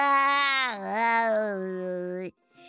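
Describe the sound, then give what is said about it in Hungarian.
A human voice, disguised as the little donkey of a story, mimics a cat's meow in one long, wavering, nasal cry that dips and rises in pitch, then breaks off abruptly into silence. “S a kis csacsi elváltoztatta a hangját, és nyávogott egyet.”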